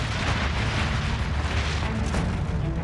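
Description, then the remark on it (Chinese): A massive Antarctic ice shelf collapsing as it calves into icebergs, heard from an expedition ship near Zhongshan Station, about 8 m off the ship's port side, as a deep, sustained rumbling roar that stays loud and steady throughout, with heavy low-end thunder rather than one sharp boom. No voices. “考察队员们听到的巨响，其实就是冰崩。”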